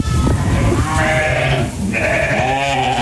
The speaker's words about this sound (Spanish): Yo estoy en la Sierra de Cazorla Segura y la villa, que se llama Pontones. Yo tengo ovejas. Vamos a escucharlo.